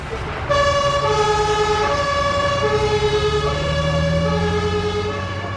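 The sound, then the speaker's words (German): A loud two-tone ambulance siren kicks in after a brief pause, alternating steadily between high and low pitches over a low engine rumble. “Dann laden wir sie in den Krankenwagen mit den 3 Kindern.”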